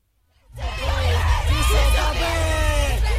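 A group of protesters at the Russian pavilion of the Venice Biennale screams and yells in unison, loud, their raised voices overlapping into a sustained chant of "Russia kills the Biennale exhibits" with a heavy low rumble underneath, beginning abruptly after a brief silence.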